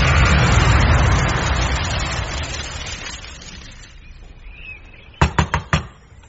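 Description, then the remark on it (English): A quick series of four sharp, loud knocks on a door comes near the end, following a fading wash of broad background noise. “There's some goggy knocking at the door.”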